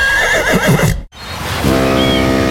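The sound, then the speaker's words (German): A horse neighs loudly in a shrill, wavering whinny, then after a brief break a second lower, sustained whinny follows, clear with no talking. “Das wilde Ross scheint alle abzuhängen.”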